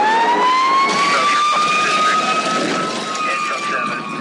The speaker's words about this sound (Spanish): Escuchamos la sirena y pensamos en peligro, en caos, en fuego. Pero detrás de ese sonido hay algo más fuerte.